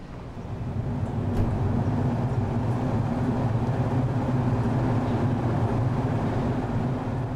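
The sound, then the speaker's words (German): A train departing from a station platform: a deep, steady engine rumble swells in over the first second, then holds at an even, loud drone with a low mechanical hum throughout; no voices are heard. “Dann, kurz bevor der Zug losfährt, eine Überraschung.”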